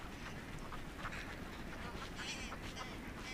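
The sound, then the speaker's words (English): Ducks quack repeatedly in a busy, overlapping chorus over a steady low background rumble of wind or water, as ducks, swans and coots huddle together in the last open water holes of a freezing lake. “Ducks, swans and coots huddle together in the last open water holes.”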